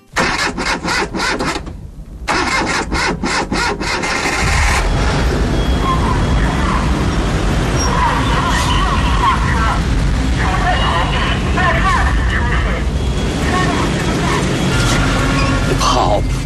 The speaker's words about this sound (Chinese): 那《有话好好说》里的声音就是城市的噪音。 说它是噪音，是因为电影中有很多在街头疾走穿行的镜头，伴随着大量的自行车铃声、汽车鸣笛并压过路面的声音，仔细听呢，还会有公交车的爆站声。